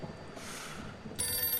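An old telephone bell rings in two bursts, the first a rough buzzing clatter, then a brighter, sharper ring that continues steadily, fairly loud with no one speaking.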